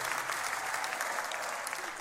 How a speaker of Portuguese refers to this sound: Então é fácil, vocês batem palmas e eu volto. É a maior mentira dos espetáculos, é que está sempre previsto.